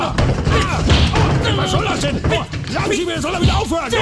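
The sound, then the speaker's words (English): Repeated dull, heavy thuds of punches landing on a body, coming in an uneven flurry over loud, continuous shouting and grunting voices. “he is not impressed at all with punching like a little girlie.”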